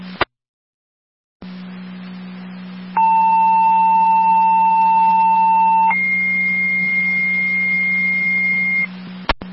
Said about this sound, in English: Walk and fill, second set of tones for the engine to Newstead to stand by. Repeating walk and fill, your second set of tones for the mutual aid request with Newstead to stand by at their station 1, 1834.